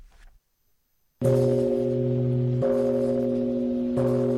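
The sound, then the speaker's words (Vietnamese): A large memorial bell is struck by Prime Minister Lê Minh Hưng at a ceremony honoring heroic martyrs, three times at slow, even intervals, each stroke blooming into a loud, deep, sustained ring that overlaps the next, with no voices. “Trong không khí trang nghiêm thành kính biết ơn vô hạn, Thủ tướng Lê Minh Hưng đã thỉnh 9 tiếng chuông và cùng các đại biểu trân trọng đặt vòng hoa dâng hương, dành một phút mặc niệm tưởng nhớ các anh hùng liệt sĩ”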